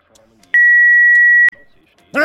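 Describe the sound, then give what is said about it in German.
A single loud, steady electronic phone beep holds one high tone for about a second, cutting off sharply, with faint background talk around it and a voice starting right after. “Ach komm mit, du Scheiß-Telefon!”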